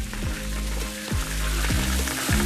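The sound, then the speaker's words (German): Water sprays steadily into a swimming pool basin that is being filled, with a dense, hissing splash, while a low mechanical hum beneath it drops in pitch about every half second. No one speaks. “Hier spritzt es.”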